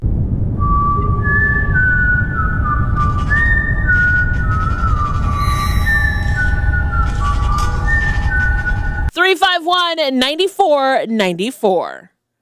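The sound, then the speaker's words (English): A bright whistled melody riff from a well-known song plays over a full, bass-heavy music track, its notes stepping up and down for about nine seconds before a voice takes over near the end. “What song is this famous whistle riff in?”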